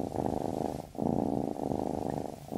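A cat purrs steadily on its own, a low, buzzy rumble that swells and dips with each breath, about three full cycles with brief pauses between them.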